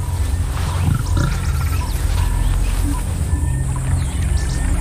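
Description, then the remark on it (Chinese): Deep, rumbling lion growls and low roars from the Baobab lion pride, chasing a giraffe in swamp land, run steadily throughout, with splashing and trickling water beneath them; no one speaks. “追赶这头长颈鹿的猴面包树狮群，现在成了沼泽地里的入侵者。”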